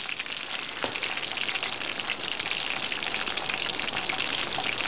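Frozen wrapped vegetable fritters, sprinkled with a little water, frying in hot oil: a steady dense crackling sizzle that holds even throughout, with a few sharper pops and spits breaking through now and then.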